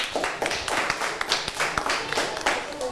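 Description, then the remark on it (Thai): Students in a maths class clap together for their classmates in group 4 after a correct answer, a steady, fairly loud burst of applause with many overlapping sharp hand claps and a few quicker accents standing out. “ดังนั้นข้อนี้ตอบ64ตารางเมตรเป็นคำตอบที่ถูกต้องค่ะปรบมือให้เพื่อนกลุ่มที่4ด้วยค่ะ”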